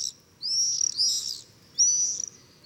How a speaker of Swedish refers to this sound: Tornseglarna, va? Som viner omkring i luften.